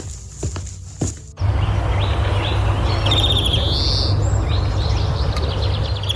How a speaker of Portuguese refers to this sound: Antes de entrar no cemitério Santo Antônio, o som que me chama a atenção não é o do silêncio absoluto. São os passos sobre as alamedas, o vento balançando as árvores e o canto dos pássaros.